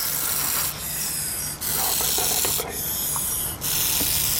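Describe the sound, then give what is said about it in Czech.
A non-venomous úžovka sanmartinská snake, raising the front of its body, vibrates its tail tip to deter a predator, making a dry, continuous rasping buzz like a rattlesnake's rattle, swelling into two louder, harsher bursts over a few seconds. No voices are heard. “Pro tento druh je totiž charakteristické, že kromě syčení dokáže k odstrašení predátora vytvořit i zvuk, který je podobný zvuku křestýše.”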